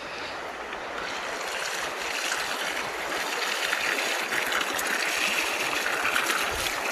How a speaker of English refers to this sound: Right, let's give this rose plenty of water.